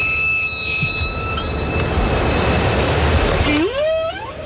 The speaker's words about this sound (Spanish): Bueno, este sonido es de una ballena jorobada, no es de una orca